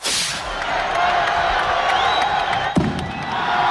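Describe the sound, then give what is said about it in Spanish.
In the square of Calahorra, La Rioja, Spain, a dense, loud crowd roars and cheers throughout the launch of the rocket opening the town's seven-day festival, with a hissing burst at the start and a single sharp crack of the festival rocket cutting through the din near the end. “Así ha sonado el disparo del cohete que nuestro compañero Carlos Elizondo ha estado presenciando.”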